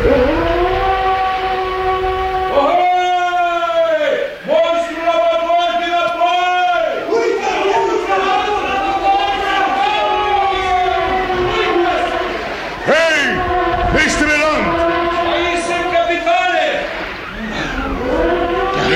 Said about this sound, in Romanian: Ai auzit multe balene mugind? Multe, căpitane, dar niciuna atât de tare ca asta.